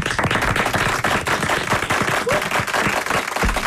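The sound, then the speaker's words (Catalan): A crowd of people clapping steadily, a dense burst of rapid, overlapping hand claps that stays loud and even for the whole stretch, with no voices over it. “Doncs tu, aplaudim-lo.”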